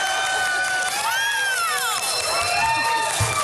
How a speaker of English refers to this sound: By the way, I believe that is the loudest applause we've ever had at their show. Not 100% sure how I feel about that.